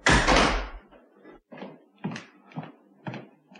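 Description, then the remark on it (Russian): A hotel room door swings open with a loud thump and rattle as a bony man squeezes into the room, followed by several softer, evenly spaced knocks or footsteps fading. “Дверь приоткрылась, и в номер протиснулся костлявый.”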